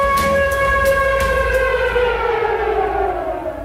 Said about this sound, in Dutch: Dit is het VPRO-programma Het Gebouw. U hoort een sirene. Dat is geen toeval.